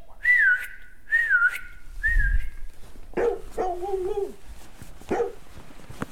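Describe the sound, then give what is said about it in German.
Three loud, evenly spaced whistles ring out one after another as someone calls their dog, followed by a dog barking and yipping several times. “Und wenn schon, immer wenn ich dreimal laut pfeife, kommt er zu mir.”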